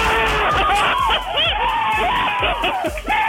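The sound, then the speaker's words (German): A loud crowd cheers and shouts continuously, many excited voices overlapping into a dense roar, with scattered higher-pitched cries and whoops rising above it throughout. “Etwa so stelle ich es mir auch vor, würde der FC Thun heute jubeln, wenn St.”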